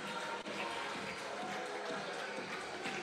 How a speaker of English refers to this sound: As the fans, big roar, big round of applause as the youngster delivers.